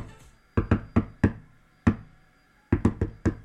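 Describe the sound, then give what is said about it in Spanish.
Sharp knocks on a wooden tabletop tap out Morse code in irregular groups, four quick raps, a pause, a single knock, a longer gap, then four more. No voices. “Si yo toco el micrófono o toco la mesa para que me escuchen. Por favor, Eduardito, bájale un ratito la música. Voy a tocar en Morse.”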